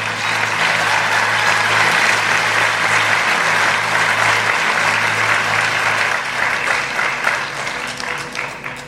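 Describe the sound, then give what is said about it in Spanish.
A large audience claps steadily and slowly as applause to God for several seconds, the dense applause loud and sustained before easing slightly toward the end, with no one speaking over it. “Vamos a dar un aplauso a Dios, así mismo lento también.”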